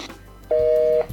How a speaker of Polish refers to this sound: Radio nam szumi, dlatego... O, tak, czyli mieliśmy rację. I teraz radio sobie szumi. Za chwilę ten dźwięk się powtórzy.